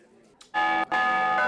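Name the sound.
traditional church bell ringing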